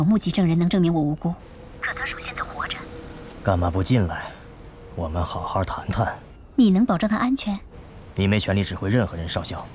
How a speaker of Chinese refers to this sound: 你的电话？ 不，先生，不是我。